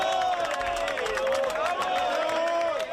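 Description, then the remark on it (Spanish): Steady applause from a group of people, continuous for the whole stretch, mixed with a busy crowd of overlapping voices and cheering, as members of palace security welcome the arriving players, Rodri among them holding the trophy, at the royal palace in Spain around 6 pm. “Con aplausos por parte de diferentes miembros de seguridad del Palacio de la Fuente, el primero junto a Rodri, que sostenía el trofeo, llegaron al salón de audiencias en traje”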